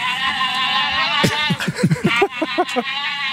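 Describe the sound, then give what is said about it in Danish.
Brazilian giant otters calling: sustained, harmonic squealing whines overlap, then a run of quick rhythmic grunting pulses joins in over the last two seconds, with no talking. “Det er kæmpe ådder.”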